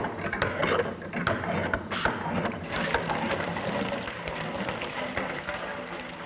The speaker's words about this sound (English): From this laboratory toy, you pass to a working pump of great practical value, like this one.